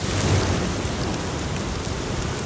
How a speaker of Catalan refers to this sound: El so de la pluja caient entre les fulles dels arbres.